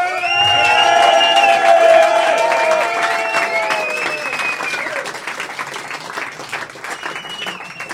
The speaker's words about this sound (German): den Menschen, die heute Abend hier an der Bar für euch arbeiten und gleich richtig hoffentlich, den ihr gleich richtig hoffentlich Stress machen werdet in den nächsten 20 Minuten, einen richtig fetten Applaus gönnen, die kriegen sonst nie ein.